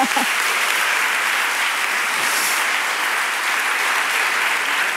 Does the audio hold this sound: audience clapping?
yes